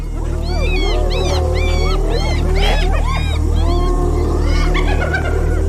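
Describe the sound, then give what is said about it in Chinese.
Spotted hyenas, facing a lion, call over and over to summon other members of their clan, their rising and falling whoops and yelps overlapping in a busy, continuous chorus that grows louder, above a steady low background rumble. “这不是挑衅狮子的叫声，而是斑鬣狗在召唤族群里的其他成员。”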